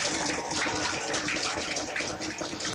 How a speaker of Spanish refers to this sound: Fuerte aplauso al Señor, gracias hermanita. Dios la bendiga, fuerte aplauso al Señor.